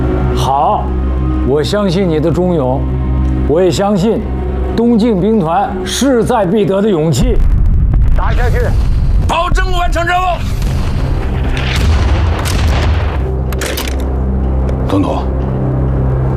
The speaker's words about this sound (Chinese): 这提前响起的炮声，就是我们为党国的国庆献上的贺礼。